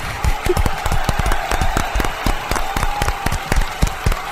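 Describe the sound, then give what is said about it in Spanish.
A crowd applauds steadily after a story reading, many hands clapping in a dense, irregular patter that stays fairly loud throughout the few seconds. “¡Aplausos!”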